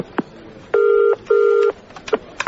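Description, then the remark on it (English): A phone line ringing as a call goes through: two steady electronic ring bursts in quick succession, fairly loud, with a few faint clicks before and after. No one speaks. “I think I need to make a phone call.”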